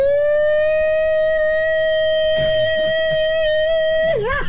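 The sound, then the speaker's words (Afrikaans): A loud air raid siren holds one steady, sustained tone rich in harmonics, then begins to waver and drop in pitch at the end; a brief rustle of background noise passes midway. “Ja, man, het luchtalarm wordt afgeschaft, hoor.”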